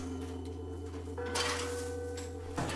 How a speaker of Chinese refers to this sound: 两米深的酒窖，发酵好的酒糟被一锹一锹地铲出。